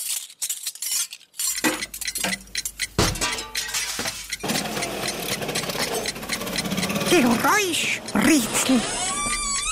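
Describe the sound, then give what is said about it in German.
Metal cutlery clinks and clatters together in quick, repeated bursts, fairly loud, while voices murmur in the background. “dann legt man die Dinger da normalerweise, also links und rechts vom Teller hin”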